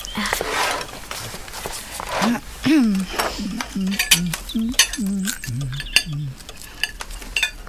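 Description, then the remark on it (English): Cutlery and dishes clink repeatedly at breakfast, sharp little taps scattered throughout, while a voice murmurs underneath in the background. “Now sit down and eat your breakfast.”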